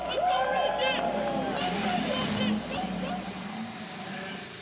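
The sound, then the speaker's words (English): A chorus of thirty-three race car engines revs and roars together as the 104th running of the Indianapolis 500-mile race is prepared, loud, their pitch sweeping up and down over a broad wash of noise before settling into a steady rumble. “Thirty-three engines roar to life as we prepare for the 104th running of the Indianapolis 500-mile race.”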